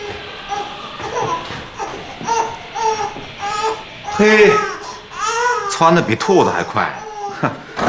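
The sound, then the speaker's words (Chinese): A newborn baby boy, just born at the home across the hall, cries loudly and steadily in repeated wailing bursts, rising into shrill, strained cries near the end, with no other voices clearly present. “哎呀，你听，孩子在哭呢，动静多大！”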